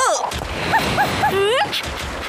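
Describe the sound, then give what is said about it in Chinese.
A robotic toy dog gives three quick, high yips in a row, then a longer wavering whimper that rises and falls, over a busy background hum. “哇，是机器狗，好可爱呀、啊！”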